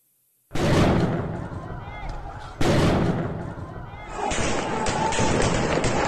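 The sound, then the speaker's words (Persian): Two loud, sharp gunshots fired at protesters during the Islamic Republic's crackdown in Iran ring out about two seconds apart, each followed by a noisy, echoing tail, with crowd commotion and shouting continuing underneath. “مردم بی‌دفاع، شلیک‌های هدفمند و بازداشتگاه‌هایی که راه بازگشت نداشتند.”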